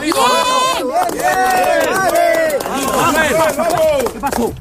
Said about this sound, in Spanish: Es el sonido de los rescates. Estas últimas horas se cumplen 11 días de ese doblete sísmico del que todavía seguimos viendo cómo va dejando más fallecidos y heridos.